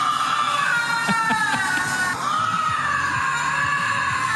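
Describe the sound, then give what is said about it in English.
A lynx gives a drawn-out, wavering yowl, high and strained like a scream, holding loud and continuous for about four seconds with a brief dip midway. “You know when you go to the zoo and they have those cats, a lynx? That's what they sound like.”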